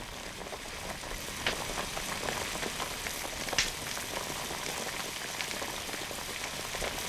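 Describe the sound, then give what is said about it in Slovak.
Water bubbles at a steady rolling boil on a stove, a dense hiss of popping bubbles with occasional louder pops, even in level throughout, with no voices. “Postav vodu na pec a ja zo pár prinesiem.”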